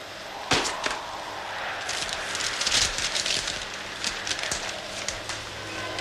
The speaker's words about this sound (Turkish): Dışarıda delice yağmur, sesini duymuyorum ama yangın gecesini hatırlatan bir rüzgar var.